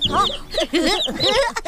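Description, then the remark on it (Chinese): Two chicks cluck and cheep in a busy, overlapping stream of short calls, fairly loud, filling the whole moment without pause and with no voices. “我爸也给我买了两只小鸡，要做就给他们做个别墅。”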